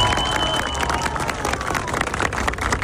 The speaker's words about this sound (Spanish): Quiero que le enviemos un aplauso al presidente Daniel Novoa.